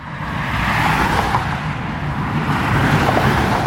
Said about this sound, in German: Noch rollt der Verkehr auf Sachsens Autobahn. Das könnte am Wochenende aber schon ganz anders aussehen.